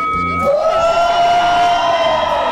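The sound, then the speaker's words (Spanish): A large live crowd at Radio Cristal 103.7's 32nd anniversary event in the Valle de México roars and cheers loudly and continuously, with one long, sustained shout or whistle rising above the dense wall of voices for most of the moment. “Un grito, señores, de toda la gente hermosa del Valle de México de Cristal 103.7.”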